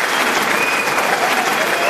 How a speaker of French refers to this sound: Standing ovation. Des tonnerres d'applaudissements. Le public est debout pour l'acclamer.